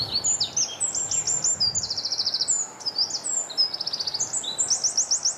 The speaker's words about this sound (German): Zuerst der Zaunkönig, einer der kleinsten Vögel Europas, wiegt nur etwa 10 Gramm, sieht aus wie ein kleiner, brauner, gescheckerter Ball. Und Achtung, er hebt an.